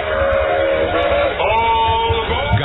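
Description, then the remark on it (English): A train whistle sound effect in a jingle for radio station WOAD, Jackson, blows in steady, harmonic tones over a rumbling, chugging low end, like a loud locomotive passing, with no voices. “This is the express train for praise and inspiration.”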